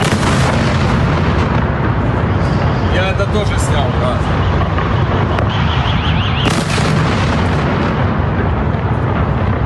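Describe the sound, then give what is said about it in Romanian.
Heavy, rumbling blasts from powerful explosions in Kyiv, Ukraine, caused by Russian missile and Shahed drone strikes, loud and continuous with dense low booming, while a man speaks briefly over the din. “Între timp, explozii puternice au zguduit capitala Kiev. Rușii au folosit mai multe tipuri de rachete și drone Shahed.”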